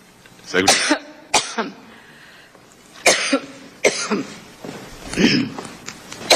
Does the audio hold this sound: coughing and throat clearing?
yes